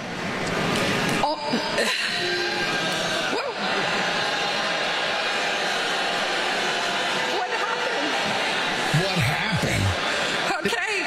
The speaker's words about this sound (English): Yes, well, they're all booing her because they just spent 4 years of their lives learning something in college that they're getting replaced with. But she's so clueless that she doesn't know why they're booing.